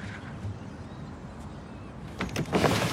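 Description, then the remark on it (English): A woman lifts her room's window open, a short scraping, rattling slide that swells to a louder rush near the end, against a quiet room hum. “She lifts the window up and looks down at Zig.”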